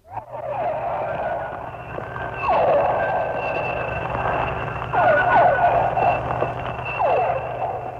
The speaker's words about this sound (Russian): Это дельфины. Крупные дельфины. Гринды. Это охотится, вероятно, гринда и издает звуки такие локационные, с помощью которых она ищет добычу.